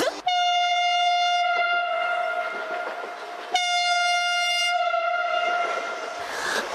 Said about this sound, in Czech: Zastávka Zpívanovice. Všechny zpěvačky ve vlaku, ať se připraví. Jsem připravená. A protože tenhle vlak přijel